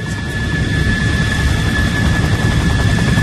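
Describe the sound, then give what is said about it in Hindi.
Steady, loud ambience inside an aircraft hangar at a military airbase, a place where aircraft are kept for repair, technical maintenance and cleaning. A constant low engine rumble with a thin high mechanical whine runs through it unbroken throughout, and there are no voices. “सैनिक हवाई अड्डे के हैंगर में पहुंच गए।”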